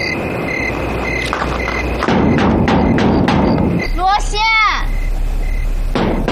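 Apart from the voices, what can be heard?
knocking on a door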